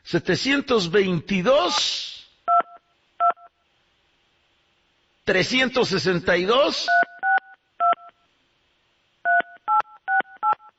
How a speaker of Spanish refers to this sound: Le vamos a marcar